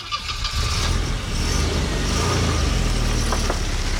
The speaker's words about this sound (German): Das gute alte Auto, gut, mittlerweile gibt es das auch ein bisschen leiser, wenn ihr zum Beispiel ein Elektroauto fahren solltet.